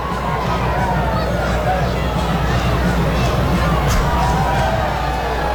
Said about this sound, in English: I'm firmly in the anti-wave camp of crowd engagement. I think there's just so many better things to do.